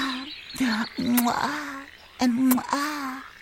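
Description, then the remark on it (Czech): A voice imitates a frog croaking in a few drawn-out, nasal croaks with sharp onsets and wavering pitch, fairly loud, with short gaps between them. “No haj, skere kajš rozna krokava, hač rjana žaba.”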